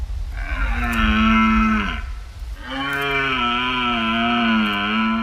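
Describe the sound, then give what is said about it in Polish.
Red deer stags bellow during the autumn rut, their mating season, among trees and clearings in Poland: two long, loud, drawn-out roars, the second longer, separated by a brief pause over a low background rumble. “Wtedy w tej złotej polskiej jesieni, wśród tych drzew, wśród tych polan słychać, jak jelenie się odzywają i tym samym rozpoczynają taki czas godowy tych zwierząt.”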